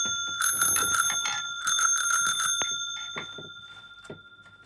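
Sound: bicycle bell ringing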